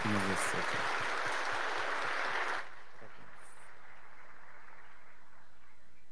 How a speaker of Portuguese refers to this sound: Uma salva de palmas para os casais.